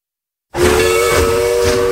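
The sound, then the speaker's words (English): The Dollywood Express steam train whistle blows suddenly after a brief silence and holds one loud, steady chord with a breathy hiss of steam underneath, running to the end, as the train travels through the Great Smoky Mountains. “All aboard the Dollywood Express.”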